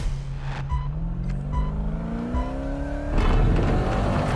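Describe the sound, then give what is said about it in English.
Off-road racing vehicles, including a Pro 4 truck, race wheel to wheel on a track with jumps; engines rev and climb steadily in pitch, then give way to a loud, rough burst of tire and engine noise. No one speaks. “these cars can race wheel to wheel.”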